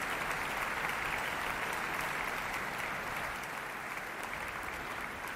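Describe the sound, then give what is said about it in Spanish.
Sustained applause from a large concert audience at the Auditori de Barcelona for the Barcelona Symphony and Catalonia National Orchestra and conductor Ludovic Morlot, who bows from the podium after Robert Gerhard's concertino for string orchestra. A dense steady patter of many hands clapping at an even level throughout, with no voices over it. “Ludovic Morlot agradece los aplausos saludando desde el podio.”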